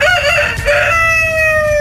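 A chicken gives a loud, drawn-out call that rises and then holds a long wavering note, like a crow, over a low rumble of background noise, with no talking. Hens on a farm in hot weather are being called to an airy henhouse.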